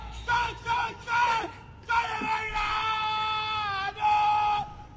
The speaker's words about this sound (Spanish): ¿Siguen gritando de Belgrano? A ver, ¿todavía lo tenemos ahí?